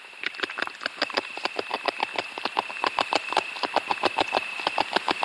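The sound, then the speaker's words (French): A beaver gnawing wood: a quick, steady series of crisp, crunchy rasping bites, about four or five a second, with a thin, constant high whine running underneath. “Alors, on entend un mammifère qui est en train de ronger du bois, donc on peut imaginer que c'est le castor.”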